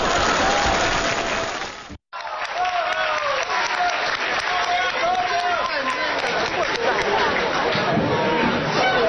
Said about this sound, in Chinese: 谢谢 谢谢 谢谢大家给我一个人的掌声。